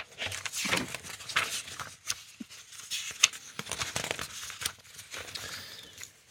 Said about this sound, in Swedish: 37 har gått, men 38 ska finnas ledig. Jag bläddrar fram den så ser vi vad vi hittar där.